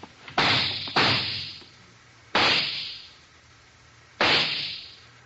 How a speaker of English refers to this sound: Dr. Mitter left in the direction of those shots.